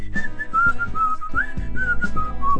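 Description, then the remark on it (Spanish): A bright whistled melody opens a song, carrying a cheerful tune clearly, with a steady musical backing of bass and rhythm underneath it. “La que empieza con el silbidito, ¿verdad?”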